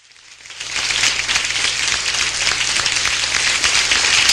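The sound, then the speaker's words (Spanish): Audience applause swells in over the first second, then holds as a steady, dense wash of many hands clapping, loud and continuous with no voices over it. “A ver, arriba con ese aplauso.”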